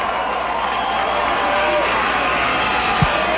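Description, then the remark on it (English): Dense, steady roar of a large baseball crowd at the Wolf stadium as Ethan Salas comes to the plate, with a broad wash of murmuring voices holding at a constant level and a brief low thump near the end. “And the crowd waking up at the Wolf.”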